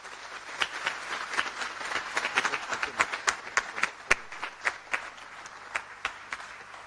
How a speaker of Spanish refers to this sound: como así también para todos nosotros presentes el día de hoy en la casa de Tupacenca Acupé, un fuerte y caluroso aplauso para cada uno.